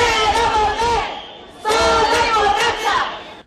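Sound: protest crowd chanting slogans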